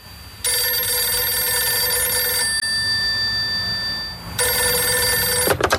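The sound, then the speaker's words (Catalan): An old telephone bell rings in two long bursts, a shrill metallic jangle of about two seconds each with a short pause between, loud, with no one speaking; a call from the Pescara club ringing at a family home in Manresa. “Amb aquest escenari nou, molts clubs italians van llançar la xarxa per pescar Estiarte i arriba un dia que sona el telèfon a Manresa, encara al domicili familiar.”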